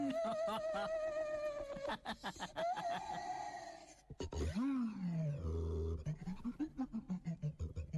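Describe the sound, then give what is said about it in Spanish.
A daxophone, an experimental musical instrument, being played, its bowed wooden tongue producing strained, voice-like squeals and groans that slide in pitch, shifting into lower croaking, animal-like bursts toward the end. “Es el sonido de el daxófono.”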